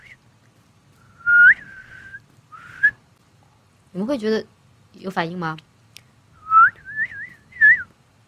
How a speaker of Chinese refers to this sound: 我是会吹口哨，但是我不会吹那个，我不会吹，不会吹那个有带曲调的口哨，我只会吹。